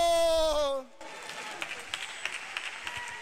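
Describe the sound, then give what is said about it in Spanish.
A church audience at a large campaign assembly breaks into applause for Jesus, a steady wash of many hands clapping at moderate volume. It follows a brief, loud spoken voice at the start. “Fuerte los aplausos para Jesús, iglesia, dale gloria.”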